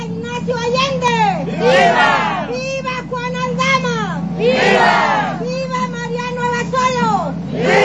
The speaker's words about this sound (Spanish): y las vivas, nombrando a los héroes de la independencia, continuaron mientras el contingente llegó a este sitio para volver a escuchar los vítores en el centro del lugar. ¡Viva Miguel Hidalgo y Costilla! ¡Viva! ¡Viva José María y Pavón! ¡Viva!